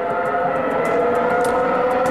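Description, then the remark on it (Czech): A Formula 1 V12 engine screams at high revs, a loud, steady, piercing multi-toned whine with faint rhythmic crackles over it, holding the same pitch throughout with no talking. “No tohle jsou ty V12, které tam byly, ale nespomenu si...”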